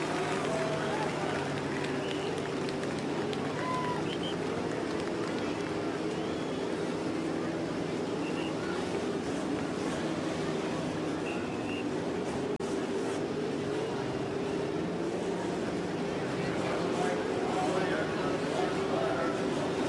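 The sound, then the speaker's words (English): A dense, steady roar of many race car engines, 11 rows of three, started together on the main stretch at the Indianapolis Motor Speedway, a continuous low droning rumble that holds at an even loudness throughout, with a faint murmur of background noise mixed in. “The engines are started on the main stretch at Indianapolis.”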